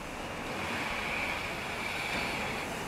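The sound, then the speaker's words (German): A train pulls into the station at Clairvaux, a steady, fairly loud rumbling roar with a thin metallic whine running through it. It stays constant throughout, with no voices. “Einfahrt in Clairvaux, dem Ziel des heutigen Tages.”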